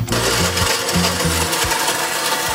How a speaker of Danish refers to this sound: Så tilbage i køkkenet, hvor hun hiver sin blender frem og stiller den på køkkenbordet. Ned i blenderen med kagen, som så blandes med kakaomælk.